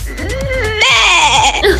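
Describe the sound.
In a voice message sent in from NRW, a person's voice mimics a sheep's bleat in one long, wavering cry that jumps higher in pitch midway and trembles with a shaky, nasal quality before breaking off.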